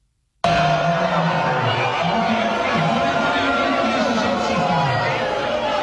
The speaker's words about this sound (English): They're all booing in their hands, you know, thumbs down, everything else. It's because somebody came on the screen.